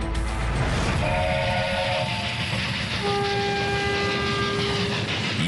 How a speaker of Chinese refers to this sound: 1966年9月8日，一列由20多节车厢组成的特殊专列，由北京南苑的一条专用铁路悄然出发，开往西北大漠。